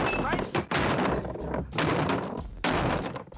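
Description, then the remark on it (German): Nikel Pallat smashes a table apart on air at Westdeutscher Rundfunk in a series of loud, heavy crashing blows with splintering cracks, roughly five hits in uneven rhythm, while voices shout over the noise. “Und die haben wirklich mal beim Westdeutschen Rundfunk den Tisch kaputt gekloppt.”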